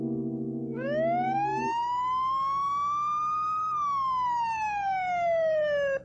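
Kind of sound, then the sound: vehicle, police car siren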